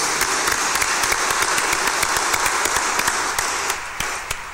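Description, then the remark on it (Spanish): A crowd claps steadily in congratulation for people celebrating birthdays, many hands producing a dense, even patter of applause that holds for several seconds before thinning slightly at the end, with no voices over it. “A los cumpleañeros, démosles un fuerte aplauso de felicitación.”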